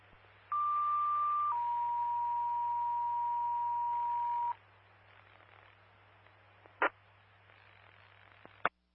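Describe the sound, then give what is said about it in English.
A two-tone dispatch paging alert over a radio channel, the second tones for unit MS-1: a steady higher tone for about a second, then a lower tone held for three seconds, followed by quiet static and a couple of sharp clicks. “MS-1, second tones.”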